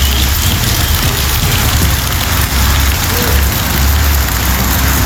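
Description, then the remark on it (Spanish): Steady, heavy rain falls in Bellavista, pattering on hard surfaces, a dense continuous hiss with a low rumble underneath and no voices. “Ahora que está lloviendo, obviamente la situación está peor, caótica.”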